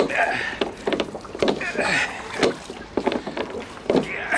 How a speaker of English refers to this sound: Everyone waited expectantly while Mr. Brown strained on the oars.